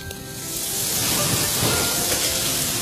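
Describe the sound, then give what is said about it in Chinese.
Dough twists (mahua) sizzle steadily in a pot of hot oil, five at a time, a loud, continuous crackling hiss that swells slightly after the first half second and holds without pause. No voices. “哎，对，这个简单，锅里烧油。油热我就下麻花。”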